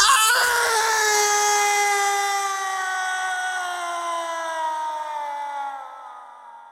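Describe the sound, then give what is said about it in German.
A single long, piercing human scream holds for about six seconds, its pitch sliding slowly downward as it wears on, loud and raw with no other voices, before trailing off at the end. “Ein unerträglich wirkender menschlicher Schrei durchdringt die Stille.”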